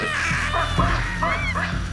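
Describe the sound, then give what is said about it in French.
A baboon troop at Gombe raises loud, harsh alarm calls that echo across the valley, several overlapping honking barks with rising and falling pitch, sounding continuously for two seconds with no talking. “Paniquée de l'avoir rencontrée, la troupe de singes se met à pousser de puissants cris d'alarme qui résonnent dans toute la vallée.”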